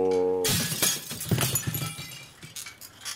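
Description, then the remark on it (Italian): A steady low tone cuts off into a sudden loud crash as the glass windows of a shed shatter, followed by a scatter of tinkling, clattering shards that gradually thins out. “Ha sfondato le vetrate del capannone.”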